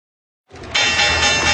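After a moment of silence, a stock exchange opening bell bursts into loud, continuous electric ringing, swelling even louder partway through and sustaining without pause to the end.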